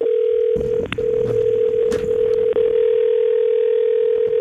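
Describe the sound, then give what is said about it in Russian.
A steady, mid-pitched telephone tone hums on without pause for several seconds, with faint rustling and clicks underneath, the sound of an American ringback tone on a call to a phone in New York, USA. “Американский длинный гудок.”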